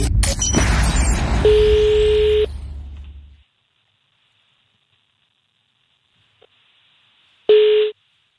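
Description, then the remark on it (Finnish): Telephone line tones as a Friday phone call (perjantai-puhelu) is placed: a steady electronic tone sounds over a burst of hiss and clatter, then after a few seconds of silence a single short, loud tone rings out. No one speaks. “Ai että, jalat pöydälle ja luuri käteen. On nimittäin perjantai-puhelun aika.”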